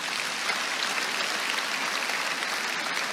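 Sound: audience applauding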